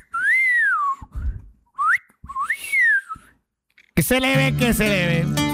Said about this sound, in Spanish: mejor chiflalas. ¿A quién le chiflo?